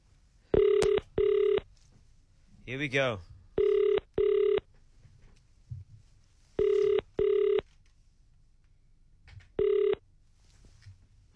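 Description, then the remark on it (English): An outgoing call's ringback tone purrs in paired double bursts, repeating every few seconds, loud. A man speaks briefly between the first rings. The call is placed by KFM 94.5 radio to a number from its WhatsApp line. “Let's make a quick call.”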